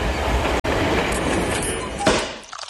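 A steam locomotive train, on an excursion ride offered in combination with a Rhine boat trip, runs along the rails with a loud, steady rumbling clatter, briefly cutting out once before rattling on and fading slightly at the end.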